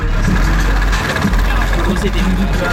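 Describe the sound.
A small red moped car's engine runs steadily outside Notodden upper secondary school in Norway, a loud, continuous low rumble with a buzzing drone, with muffled voices blending in beneath it.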